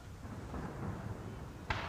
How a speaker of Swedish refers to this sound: De kliver ombord på båten och nu håller de på att ta sig runt Skeppsholmen i centrala Stockholm, vattenvägen. Och nu skjuter de salut.